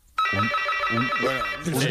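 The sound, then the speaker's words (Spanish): A door intercom buzzer starts after a brief pause and keeps sounding as a steady, bright electronic buzz, while voices talk loudly over it. “Telefonillo, claro.”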